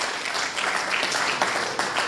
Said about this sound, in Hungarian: taps jár.